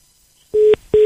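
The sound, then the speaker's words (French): Two short, steady telephone line beeps sound in quick succession, loud and clear with a brief pause between them and no voices, as a caller is put on hold during a phone call. “Il m'a mis en attente.”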